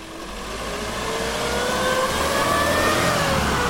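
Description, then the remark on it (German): The heavy engine of an old red Robur fire truck with a large turntable ladder, built in 1964 in Zittau in the GDR and used by the fire brigade in Seifennersdorf, revs up steadily, its pitch climbing and loudness swelling as it accelerates, with a rough mechanical rumble and no voices. “Wenn es brennt in Seifennersdorf, dann ist der alte rote Rohbohr mit der großen Drehleiter oft ganz vorn mit dabei.”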